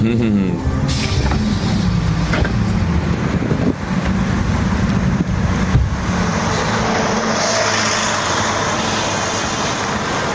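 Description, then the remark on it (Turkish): A large tour bus rumbles along with a steady engine drone and road noise, easing slightly toward the end as it slows to a stop in Kırşehir city centre beside a Seljuk-era observatory and madrasa building from 1272. Indistinct voices murmur faintly underneath. “Ve geldik Şirin Kırşehir'e. Otobüsümüzün durduğu yer çok manidar.”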